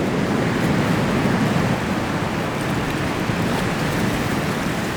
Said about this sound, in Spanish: El Atlántico áspero actúa como una enorme máquina trilladora, rompiendo continuamente las plantas flotantes en trozos microscópicos. El océano turbulento cerca de los bosques de algas también genera cantidades impresionantes de espuma nutritiva.